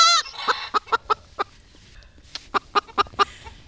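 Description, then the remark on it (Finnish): A hen that looks like a lampshade clucks while held under its owner's arm at a home in Pattijoki, Raahe, Finland. It clucks in short, evenly spaced bursts: a run of five quick clucks, a brief pause, then another run of five. There is no talking. “kainalossa kaakattaa lampunvarjostimen näköinen katjakana.”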